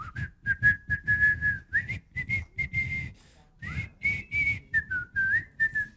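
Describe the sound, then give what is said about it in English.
A person whistles a simple, bouncy melody, the tune of The Farmer in the Dell (also known as A Hunting We Will Go), in short phrases with brief pauses, clear and fairly loud with no talking. “They could tell when Omar's coming due to people shouting, "Omar's coming," and also because they could hear him whistling what tune? Is it The Farmer in the Dell?”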